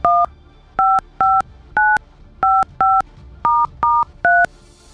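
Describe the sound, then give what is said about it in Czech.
A rapid sequence of about ten touch-tone telephone dialing beeps, each short dual-tone burst evenly spaced and clear, with no voices, as the Rádio Blaník radio station places an outgoing call to a listener. “A posloucháte teď Blaník? Možná vám zvoní telefon.”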